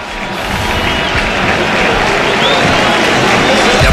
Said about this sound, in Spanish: Es que ahora la gente aplaude a Rafinha, autor de un hat-trick que lleva 9 goles en liga. Le sustituye Gabriel Jesús, le esperan.